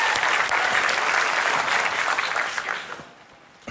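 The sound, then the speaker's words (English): A crowd of people claps steadily in dense, sustained applause that carries for a few seconds, then thins out and fades near the end. “Give him a hand clap if you would.”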